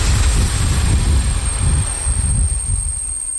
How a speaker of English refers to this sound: A small diesel train brought me to the town of Mikulov on the Czech-Austrian border in the southeast of the country.